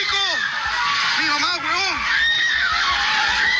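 Several people scream and wail at once in a neighborhood in Caracas as everything falls during an earthquake, their high, wavering cries rising and falling continuously over loud, dense commotion and shouting, including a man filming who is searching for relatives.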